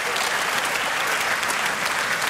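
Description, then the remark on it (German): Steady, dense applause from an audience for a large orchestra of young men, a continuous hiss of many hands clapping at an even, fairly loud level with no voices standing out. “Ja, das ist euer Applaus.”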